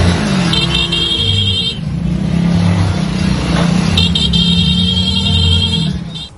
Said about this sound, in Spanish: Lo que ocurrió este jueves en las calles del norponiente de Veracruz no fue solo un cortejo fúnebre, fue una comunidad que se detuvo, que tomó sus motos, que acompañó a un hombre hasta el final del camino.